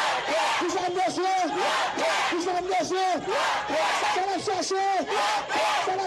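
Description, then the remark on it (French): A crowd of several thousand people marching for peace on 18 May chants in unison with a steady, repeating rhythm, many voices rising and falling together in loud, dense waves without pause. “Se sa plizye milye moun ki foule beton an 18 meya ap mande.”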